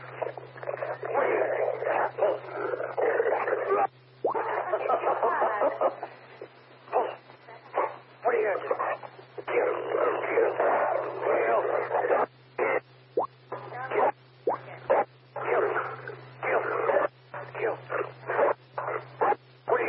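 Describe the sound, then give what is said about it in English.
A dog barks repeatedly in uneven bursts, its barks crowding together with other busy sound over a steady low electrical hum that runs throughout. “Dude, bro, come on. Lay down.”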